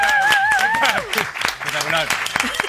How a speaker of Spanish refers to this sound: Un aplauso para Santi Almerú.